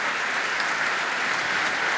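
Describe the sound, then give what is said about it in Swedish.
Sustained, warm applause from an audience standing in the pews of a church after a solo violin performance of Bach. A dense, even wash of many hands clapping continues at steady loudness throughout, with no voices or cheering rising above it. “Ja, han får långa, varma applåder som vi hör.”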